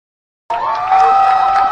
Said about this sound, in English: Crowd getting rowdy here at Butterfield Stadium. Trying to get the team fired up.